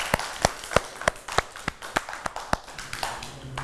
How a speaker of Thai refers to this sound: วันนี้เด็กๆ เก่งมากเลยค่ะปรบมือให้ตัวเองด้วยค่ะ